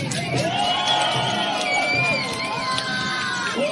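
A dense crowd of spectators packed along both banks of the Grand Canal in Beijing cheers and shouts continuously during a dragon boat race, with many overlapping voices and rising whoops filling the air at a loud, steady level throughout.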